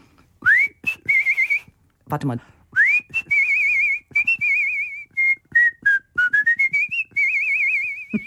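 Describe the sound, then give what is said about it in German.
A person whistles bird-like phrases imitating a small bird: rising chirps, warbling trills and sustained wavering notes in quick bursts, with a brief spoken remark partway through. “Den habe ich zwar nur als Handpuppe gehalten, aber im Hintergrund gepfiffen.”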